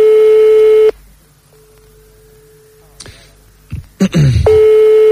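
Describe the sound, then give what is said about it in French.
A loud, steady telephone line tone drones while a call is being placed, cuts out, and gives way to a fainter held tone, then a few clicks and knocks before the loud tone returns. “donc on va appeler le charmant jeune homme, on va essayer de voir ce que ça peut donner.”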